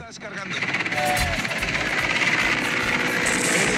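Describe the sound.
Loud helicopter rotor noise: a steady rapid thumping chop over a broad engine roar, rising quickly and holding throughout, with a voice faintly audible beneath it. Three helicopters work in series to fight a fire in Chiquisa, two from the governorship and one from Ocensa, using bambi buckets of 1,600 litres.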